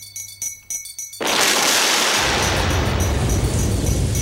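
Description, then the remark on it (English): A second of quiet music, then a sudden loud thunder crack at the start of a song bursts in and rolls into a sustained, roaring rumble that deepens with heavy low booming as it continues. “It just happens to start with a thunder crack.”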